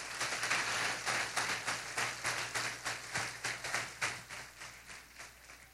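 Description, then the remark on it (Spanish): A church audience applauds the Lord together in a sustained, dense burst of clapping for several seconds, easing off slightly toward the end, with a faint low hum underneath. “Denle un aplauso fuerte al Señor.”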